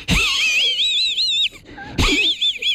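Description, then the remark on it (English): A voice mimics a cartoon dog's wheezy, hissing snicker in two strained bursts separated by a brief pause, fairly loud, with high raspy wavering tones. “You remember Muttley from Wacky Races, though, because Muttley was a dog. That's right. And used to go like this.”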